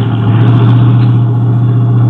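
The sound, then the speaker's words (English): A car engine hums steadily, a continuous low drone with a strong steady tone, as the car slowly rolls to park in an alley, with no voices present. “Why don't you see if you can park there?”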